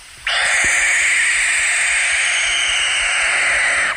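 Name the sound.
barn owl hissing screech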